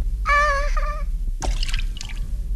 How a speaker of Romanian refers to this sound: Ai făcut o baie strașnică, Jiminy. De emoție am căzut în cana cu laptea lui Figaro.